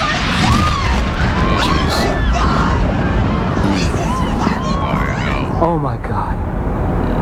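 A crowd at the World Trade Center shouts and screams as the building explodes and people run up the street, over a dense, constant roar, with many voices overlapping in rising and falling wails. No single blast stands out from the steady, loud noise.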